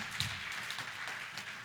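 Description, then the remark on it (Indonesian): A crowd applauds for Team B after its statement in a competition with a jury, a steady wash of many hands clapping together, fairly quiet and even throughout with no voices standing out. “Tepuk tangan untuk Regu B.”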